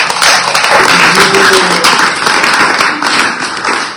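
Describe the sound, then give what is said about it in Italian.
An audience applauds steadily for the show, a dense crackle of many hands clapping at an even loudness for several seconds, with no voices over it. “Vedo qui questa sera, davvero, grazie, anche lei, un applauso anche per lo spettacolo.”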